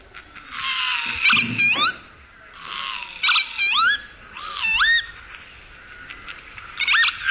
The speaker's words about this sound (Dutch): Ja, de kieviet. Ja, de kieviet.